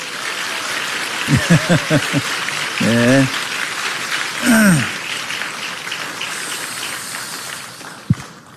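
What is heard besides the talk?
warm audience applause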